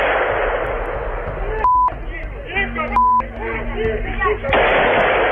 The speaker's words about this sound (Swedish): Här hör vi ljud från en video som fångat skottlossningen mitt på dagen i Kiev.